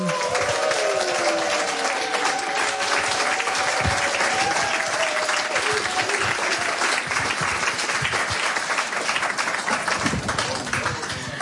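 Loud, sustained applause from a large audience welcoming a guest, a gastronome, dense steady clapping with a few brief whistle-like tones early on and faint voices mixed in.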